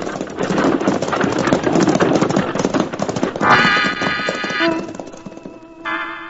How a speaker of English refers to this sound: the Arbuckle Kid straightens up from his crouching position, slaps the near horse on the rump, and triggering his shotgun, sends the driver and his team off toward the nearest town in a cloud of dust.